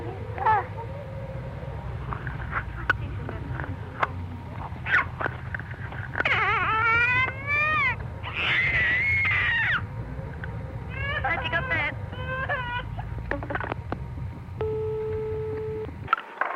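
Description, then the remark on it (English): A 15-month-old toddler girl lets out a series of shrill, wavering screams and squeals over a tinny telephone line, with a constant low hum beneath and a steady tone near the end. “I'll try and get my little 15-month-old daughter. She's got a terrific scream.”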